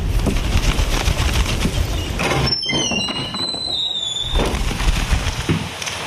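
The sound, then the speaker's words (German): Dense, steady crackling and popping of a burning hearth fire, pausing briefly midway while thin high whistling tones rise and fade, then the loud crackle resumes. “Feuer brennt, siehst du?”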